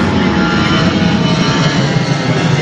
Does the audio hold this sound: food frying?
no